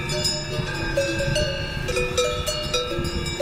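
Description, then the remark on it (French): Several bells on grazing oxen clank and ring in an irregular, overlapping jangle, bright metallic tones sustained over a steady low rumble, with no voices, at the Ochsenalp, an alpine pasture in the commune of Arosa, Grisons, Switzerland. “Et la réponse, c'est Ochsenalp, puisque nous venons d'entendre non pas des vaches, mais des bœufs, et non pas juste dans un pré, mais dans les Alpes.”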